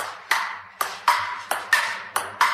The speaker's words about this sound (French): Gong.